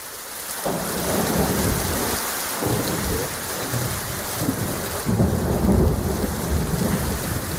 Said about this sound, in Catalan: Una nit de pluja, llamps i trons que ha inundat carrers de diversos barris de Barcelona i ha provocat talls importants a la Ronda de Dalt, on els serveis d'emergència han hagut de retirar vehicles atrapats per l'aigua.